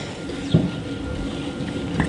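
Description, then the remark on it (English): A cow at feeding time in Pāmu's methane measurement barn at St Kilda, just outside Taupō, New Zealand, lets out a short, low, throaty burp over a constant rumbling background hum, followed near the end by a fainter, briefer grunt-like sound. No one speaks. “Excuse you, that not so small burp came from one of the cows at Pāmu's methane measurement barn at St Kilda, just outside of Taupō.”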